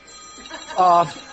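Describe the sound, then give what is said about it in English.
A phone ringtone goes off in a short, bright electronic burst that cuts loudly over a low background murmur, then quickly stops. “Did we mention to take your phones off? Did we just say anything here? They didn't take their phone off.”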